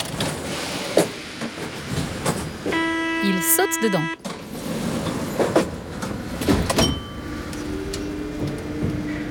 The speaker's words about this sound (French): Le métro arrive. Trop de chance, même pas besoin de l'attendre.